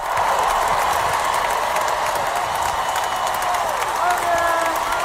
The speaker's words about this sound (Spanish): Aquí la gente dirá, vale, esta no es un aplauso normal, no, ni son los Javis.